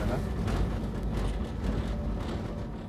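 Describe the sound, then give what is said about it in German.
A heavy train locomotive, given more power on wet rails as rain begins, rumbles steadily along the rails, a loud, continuous low-pitched drone with faint rattling on top and no voices. “So, dann muss ich einmal mehr Kraft auf die Lok nehmen. Sonst komme ich hier gleich gar nicht mehr vorwärts. Nasse Schienen.”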